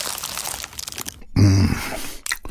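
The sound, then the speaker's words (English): Crunching and chewing of a flaky, award-winning Dad's Pies pie, crackly and crisp, broken midway by a short satisfied hum from the eater before a few more crunchy bites. “Today, we invite you to eat with your ears.”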